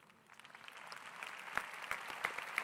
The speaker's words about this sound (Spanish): Ah, si es a Jesús, no está muy bueno el aplauso. Si es a Jesús, dáselo bien fuerte.